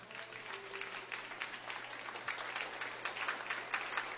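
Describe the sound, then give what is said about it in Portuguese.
An audience applauds for Jesus, a dense wash of many hands clapping steadily at a fairly even loudness that continues through the whole moment with no voices on top. “Palmas para Jesus.”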